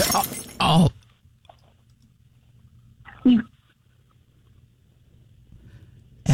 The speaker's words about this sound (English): Did you just do what I think you did? Idiot! I just heard glass drop. Are you kidding me?